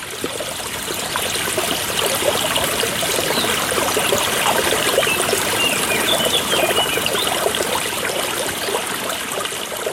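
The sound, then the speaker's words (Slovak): Water trickles and burbles steadily from a natural spring used for washing laundry and for hygiene, a continuous babbling flow that holds an even loudness throughout, with no voices. “Slúžil tento prameň aj na zdroj vody na pitie?”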